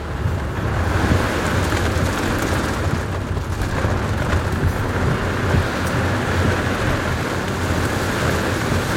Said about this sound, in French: Là, on rentre dans le dur. Hein. Là, on est vraiment au cœur de l'orage. Hein. Ouais. Là, il y a la pluie, le vent, les éclairs. Là, on voit plus rien. Hein. Ça va, non. En plus, t'as des coups de foudre qui tombent devant.